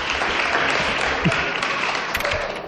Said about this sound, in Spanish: Aplausos, vítores, la gente que ha dicho. Ahí le están aplaudiendo.